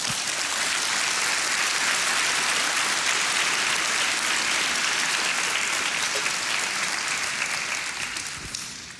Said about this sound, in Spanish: ¿Le puede dar un aplauso al Señor, hermano?